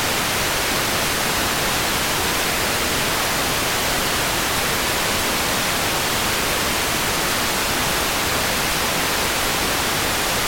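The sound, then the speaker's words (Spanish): Heavy rain pours down in a dense, steady hiss that fills the whole clip, loud and unbroken, with no voices or other sounds. “Es que está lloviendo bien duro, ¿ah?”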